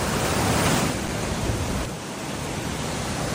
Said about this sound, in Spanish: Me gusta escuchar el río cuando lleva agua, porque hay veces que está bastante seco, ¿no?